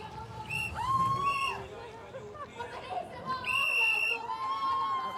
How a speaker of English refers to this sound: Right, around the berm. Lots of shrieking and whistling going on here.